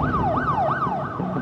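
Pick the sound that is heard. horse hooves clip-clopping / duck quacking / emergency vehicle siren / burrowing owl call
emergency vehicle siren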